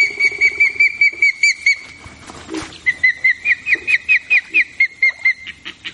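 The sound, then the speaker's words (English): Juvenile ospreys at a remote lake in northern Ontario call for food in a rapid series of short, high, whistled chirps, repeated rhythmically in two bursts with a brief pause between, loud and clear with no talking. “Hear their juveniles calling for food?”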